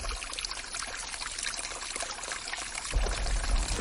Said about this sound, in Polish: Pamiętacie Chochołowski Potok? Teraz, kiedy zeszliśmy już z żółtego szlaku, mamy go po lewej stronie, wychodząc z Doliny Chochołowskiej. Latem pięknie jest zamoczyć zmęczone stopy w tej górskiej, zimnej wodzie.